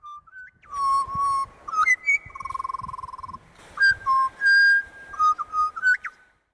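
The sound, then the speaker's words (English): Clear birdsong in a radio advertisement, pure whistled notes that slide up and down in short phrases, with a fast warbling trill partway through. There is no talking. “That is such a lovely ad with those birds.”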